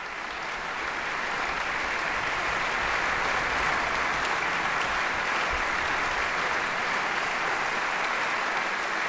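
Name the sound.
concert audience applause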